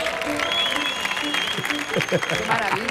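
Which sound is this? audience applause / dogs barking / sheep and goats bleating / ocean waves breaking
audience applause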